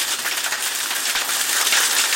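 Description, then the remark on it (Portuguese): A dense, steady roar of heavy rain pounding down, with sharp scattered clattering of small hailstones striking hard surfaces, on a rural property at kilometre 18, on a Friday. No voices, just the continuous downpour. “no quilômetro 18, ele mandou até um vídeo aqui, chuva com granizo, agorinha, aí no quilômetro 18 também, parece que não foi tão grande, né, o granizo, deixa eu ouvir aqui, escuta o barulho, ó, pensa numa chuva derramada.”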